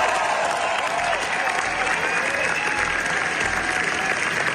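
Sustained, dense applause from a large audience, a steady wash of clapping hands at even loudness throughout, with faint crowd murmur underneath: the seven-minute ovation at the Cannes Film Festival premiere of director Rodrigo Sorogoyen's new film El ser querido.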